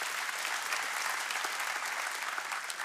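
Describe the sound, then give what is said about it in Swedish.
Steady applause from an audience, a dense wash of many hands clapping at an even level for the full few seconds, with no voices audible. “Applåder har viss betydelse.”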